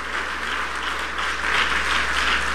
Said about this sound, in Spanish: Denle un aplauso al Padre, denle un aplauso al Hijo y denle un aplauso al Espíritu Santo.